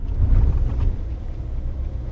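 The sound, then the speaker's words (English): A truck drives along a dirt road on the Fort Mojave Reservation to a river water pump, its low engine drone and road noise a rough, continuous roar, fairly loud, with no voices. “Williams parks his truck on the dirt road to visit the pump”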